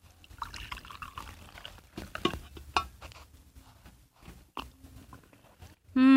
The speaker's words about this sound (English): Here, I'll pour you a cup of coffee.